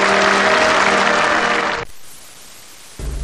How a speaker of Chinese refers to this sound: 全场响起一阵阵热烈的掌声。